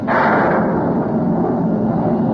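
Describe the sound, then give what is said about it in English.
A loud, sudden crack of thunder from a thunderstorm under dark, dreary clouds bursts out and rolls on as a deep, sustained rumble, heavy in the low end and filling the whole stretch without fading. “Dark, dreary clouds. Followed by loud bursts of thunder. Listen.”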